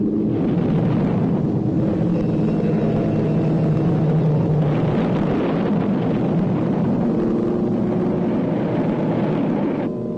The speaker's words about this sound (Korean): 비행기가 투하하는 폭탄은 신의주에 떨어졌지만 드넓은 암록강을 사이둔 단동시의 유리창들도 부르르 떨렸다.